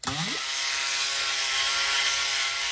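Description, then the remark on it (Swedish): A quick rising mechanical whine as Plåt-Niklas's propeller spins up like a helicopter's, settling within half a second into a steady, loud, buzzing whir that continues unbroken, with no talking. “Nu ska vi bara sätta snurr på propellen också.”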